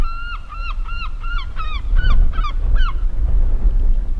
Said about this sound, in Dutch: dan hoor je ze al, meeuwen